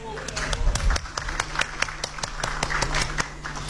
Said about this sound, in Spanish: Muy bien, merece un aplauso.